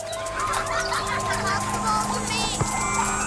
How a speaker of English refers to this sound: Ice cream truck!